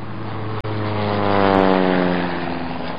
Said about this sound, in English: We're actually getting close to elephant country now, and that plane you hear up ahead is probably Warden Matua, so we'll check back with him a little bit later.